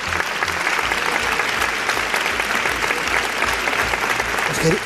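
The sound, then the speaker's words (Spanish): Sustained applause from an audience for a guest, a dense, steady wash of many hands clapping at an even loudness throughout, with no voices standing out. “él se define como titiripeuta, no sé si le habéis dado un aplauso, que se lo merece.”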